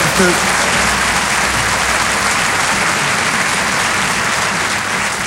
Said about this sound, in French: Applaudissez pas trop, ils vont couper chez vous.